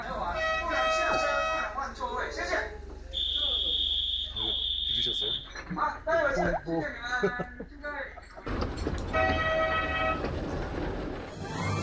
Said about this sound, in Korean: 이제 출발합니다. 봉봉열차는 원래 목재를 운반하는 열차였는데요. 좁고 작은 열차가 험한 산길을 달릴 때 뽕뽕, 뻥뻥 같은 소리를 내서 이런 이름을 붙였다고 합니다.